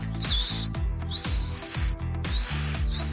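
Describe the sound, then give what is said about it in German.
A person whistles through a tiny gap in the front teeth, a thin, high-pitched whistle sliding up and down in short swooping phrases over a steady, rhythmic low thumping beat in the background. “Ich kann auch noch mit den Ohren wackeln und durch ein Mikromillimeter Zahnlücke vorn hier beim kann ich auch pfeifen.”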